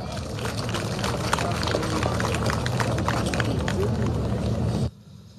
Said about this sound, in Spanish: Vamos a invitar al presidente de los consejos educativos de los 5 municipios del trópico. Recibimos con un fuerte aplauso al hermano